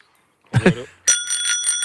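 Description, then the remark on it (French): A small bicycle bell rings in a rapid series of bright metallic dings, fairly loud, just after a brief burst of a voice, at a large, sunny, car-free cycling event in Alsace, France. “C'était juste pour vous montrer qu'on a de magnifiques petites sonnettes ici à vous offrir.”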